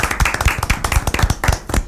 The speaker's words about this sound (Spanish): Para que conozcan a los siguientes invitados, porque directamente del colegio Aliwem tenemos a alumnos del octavo año. Un aplauso para ustedes.